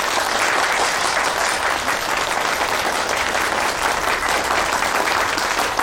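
A room full of people claps warmly and steadily for several seconds, a dense, even burst of applause that holds at full strength throughout, with no voices rising above it.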